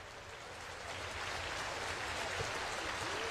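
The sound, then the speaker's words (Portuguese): A standing concert audience at Sala Minas Gerais in Belo Horizonte applauds the performance of the Orquestra Filarmônica de Minas Gerais under conductor Fábio Mechet: a dense, continuous wash of clapping from many hands, steady and fairly loud throughout, with no voices standing out. “Plateia de pé, na Sala Minas Gerais, aplaudindo a performance da Orquestra de Minas Gerais sob a regência de Fábio Mechet.”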